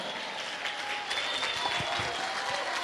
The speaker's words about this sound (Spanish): Ponte de pie, dale un aplauso al Cordero.